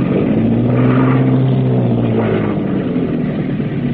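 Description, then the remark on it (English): A boat engine roars at full power astern while the boat comes in to moor at a wharf in the rain, a loud, steady droning rumble that holds unbroken throughout with no voices. “All back full.”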